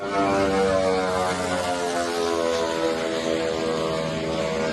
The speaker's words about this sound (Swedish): Ett videoklipp på sociala medier visar en ukrainsk drönare som slår ner med ett eldklot i ett handelsfartyg. Filmen är tagen från ett annat fartyg med en lika förvånad som förskräckt besättning.